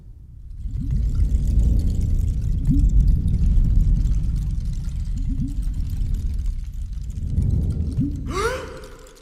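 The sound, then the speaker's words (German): Water pours steadily into a container for several seconds, gurgling and splashing, with the tone climbing sharply near the end as the vessel fills. No one speaks. “Ist das für mich? Ja, mein Engel. Nicht mehr und nicht weniger als Wasser.”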